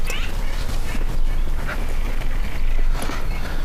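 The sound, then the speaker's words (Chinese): A male dog whimpers and whines in short, uneven bursts over a steady background of noise, with faint voices in the mix. “我找错主人了，人家要的是母狗，我们这个是公狗。”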